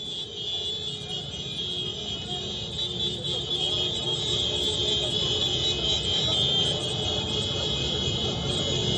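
Hundreds of Hezbollah supporters on motorbikes protest in the streets of Beirut, chanting slogans and waving Iranian and Hezbollah flags: a dense, steady roar of motorbike engines rumbles on without pause, with shrill horn blasts and a high whine over it and crowd voices blurred into the din.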